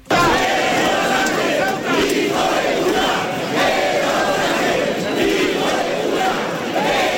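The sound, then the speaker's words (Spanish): A large crowd shouts protest chants in a public square, mostly calling for the resignation of President Sánchez, sometimes with insults. A loud, continuous roar of many voices rises and falls in rhythmic bursts with no pause throughout. “Lo que se escuchó varias veces en la plaza fue sobre todo gritos pidiendo la dimisión del presidente Sánchez, a veces llegando al insulto.”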